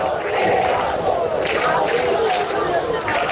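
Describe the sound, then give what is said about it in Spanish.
A large protest crowd camping in the Puerta del Sol, Spain, demanding solutions to the housing crisis, shouts and chants together in a loud, continuous roar of many overlapping voices, with bursts of louder yelling rising out of the steady din. “Gritan que se quedan en la Puerta del Sol, pero también están surgiendo acampadas en otros puntos de España, como Barcelona.”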